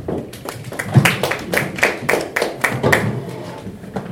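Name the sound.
audience clapping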